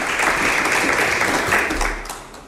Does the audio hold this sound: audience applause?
yes